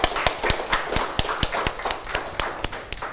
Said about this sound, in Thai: โอเคปรบมือให้กับเพื่อนกลุ่มหนึ่งเลยครับนักเรียน